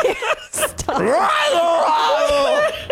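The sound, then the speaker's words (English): A woman screams loudly right up against the microphone, one long wavering cry that rises and then holds for about two seconds after a brief noisy burst. “this is two times in a row you screamed into the mic.”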